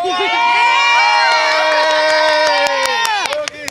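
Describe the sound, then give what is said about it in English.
Spanish football fans outside the Jimmy George Indoor Stadium cheer loudly, many voices joined in a sustained, rising chant, with a few sharp claps breaking through toward the end. “we are right now outside the Jimmy George Indoor Stadium, and these are the Spanish fans”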